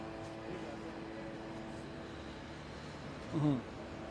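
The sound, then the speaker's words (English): A steady mechanical hum of many drones in the skies overhead above Gaza City, its even buzzing tone unchanging throughout, with a brief faint voice-like sound rising near the end. “We can hear the mechanical hum of these sky predators in the area”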